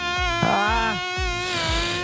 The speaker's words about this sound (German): Ein so schlimmes Geräusch, da kriege ich direkt Gänsehaut, ne? Mücken im Schlafzimmer, für mich die absolute Hölle.